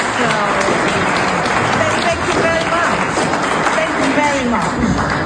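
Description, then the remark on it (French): An audience at a summit on international law applauds Navi Pillay steadily and loudly for several seconds, a dense wash of clapping with murmuring voices mixed underneath. “Navi Pillay a appris la nouvelle lors d'un sommet consacré au droit international où elle a été chaleureusement applaudie.”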